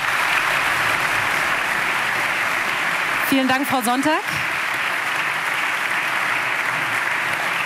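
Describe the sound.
Steady, loud audience applause for a notary bringing over a letter fills the whole stretch, a dense wash of clapping. Partway through, a man briefly speaks over it, and the clapping continues after he stops.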